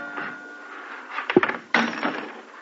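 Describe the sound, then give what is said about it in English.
A cash drawer is opened: a dull wooden knock, then a sudden scraping slide with a short rattle that trails off, with no one speaking. “What else? The cash drawer.”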